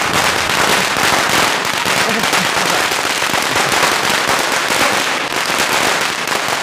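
firecrackers exploding

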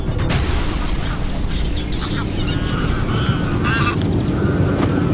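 greylag geese honking

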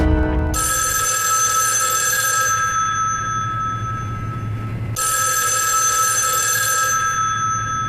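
telephone ringing

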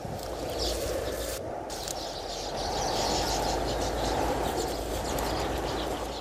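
birds chirping and singing

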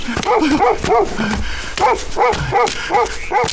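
dog barking

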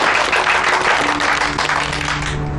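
hands clapping in applause

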